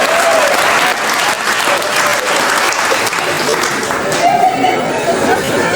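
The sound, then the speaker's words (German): Steady, loud audience applause fills the whole stretch, a dense wash of many hands clapping with some crowd murmur mixed in, never pausing. “Was gibt's denn da zu klatschen?”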